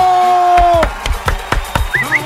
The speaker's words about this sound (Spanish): Aplauso espontáneo del público.